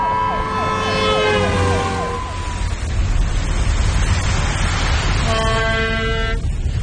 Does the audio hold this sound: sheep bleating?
no